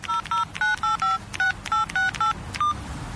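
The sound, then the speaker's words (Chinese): A quick run of about ten mobile phone dialing beeps as someone places a call, each a short dual-pitched keypad tone, pressed at a brisk, slightly uneven pace, clear with no voices. “他想了想，立刻给李芬妮打了个电话，以便试探他一下。”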